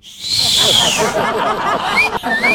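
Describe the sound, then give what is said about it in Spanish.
A person imitates the catcall whistle given to a man in the street: one long, high, falling whistle, then two short rising whistles, loud over a constant noisy background. “No, no, no, y aparte que así le silbaban en la calle, así.”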